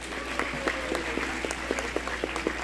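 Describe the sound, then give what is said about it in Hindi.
Audience applause welcoming a ghazal singer to the stage at an evening All India Radio (Akashvani) event, a dense wash of many hands clapping steadily at moderate volume with a few sharper claps standing out, no voices over it. “बड़े सम्मान के साथ मैं मंच पर आमंत्रित करता हूं जोरदार तालियों के साथ श्री सुधीर नारायण जी।”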